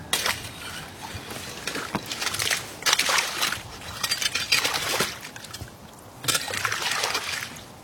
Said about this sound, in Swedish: Det är som en slask här, eller slushy. Massor av små isbitar här på ytan i vaken.